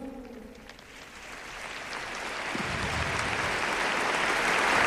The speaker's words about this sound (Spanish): Grans aplaudiments a aquest testimoni que estem escoltant d'aquesta jove.